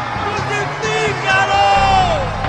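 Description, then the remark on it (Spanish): A loud, dense crowd angrily shouting for Jesus to be crucified, many overlapping voices rising in intensity throughout, with a few individual cries standing out above the roar. “Pero ellos gritaron aún más fuerte.”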